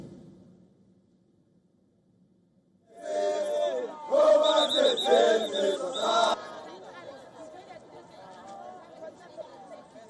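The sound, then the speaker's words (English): A crowd of thousands of protesters marching against undocumented immigrants in a town bordering Johannesburg, South Africa, erupts into loud, rhythmic shouting and chanting of slogans like "Let them go," peaking in a dense burst of massed yells before settling into ongoing crowd chatter and murmuring. “In a town bordering Johannesburg, thousands of protesters marched against undocumented immigrants, shouting slogans like, "Let them go."”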